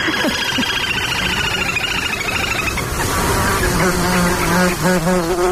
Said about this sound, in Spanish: Y sobre todo ese zumbido como un poco desquiciante, que son los insectos, los mosquitos.